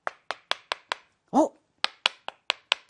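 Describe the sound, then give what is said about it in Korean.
A steady series of sharp, crisp knocks of a carving tool cutting letters into a wooden printing block for making books, about ten evenly spaced strikes, paused once by a short voiced sound in the middle. “이 판에다가 글자를 새긴다고 했죠. 글자를 막 새겨요.”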